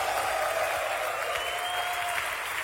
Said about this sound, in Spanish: Los hijos de Shaddai aplauden. Ese aplauso a Shaddai.